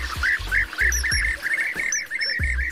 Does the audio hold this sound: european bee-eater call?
yes